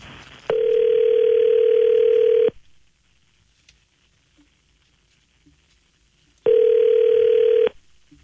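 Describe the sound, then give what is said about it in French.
A telephone ringback tone sounds twice as a call is placed to Christine Fréchette, each steady electronic buzz lasting about two seconds with a long silent pause between, loud as if heard through the handset. No one speaks. “Fait que on est prêt à essayer d'appeler.”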